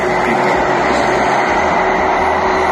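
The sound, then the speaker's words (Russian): A loud, steady engine drone of an attack drone flying right over a house, with a constant buzzing tone over a thick roar that holds unchanged for the whole few seconds, with no voices. “Я думал, на мопеде туда проехал. Нет, это пролетело над головой.”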